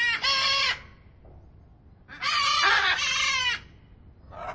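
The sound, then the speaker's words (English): Macaws of several species, including green-winged, blue-throated, great green and hyacinth macaws, squawk loudly and harshly at close range beside a huge aviary at London Zoo in the UK, one short raucous call, then a longer drawn-out screech, and another beginning as it ends, with no talking. “So basically a bunch of different macaw species. We've got green-winged macaws, blue-throated macaws, great green macaws, and hyacinth macaws as well.”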